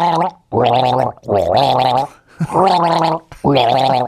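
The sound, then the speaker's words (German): Someone gargles a tune with water, four loud, bubbling, pitched phrases separated by short pauses, the wobbling voice rising and falling like a melody. “Ich gurgel dir ein Lied, pass auf, ein Schluck Wasser für mich.”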